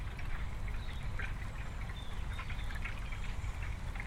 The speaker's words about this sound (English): Whenever I'm close to the water body, it's very serene and very, very peaceful. I feel even the sound of the water flowing.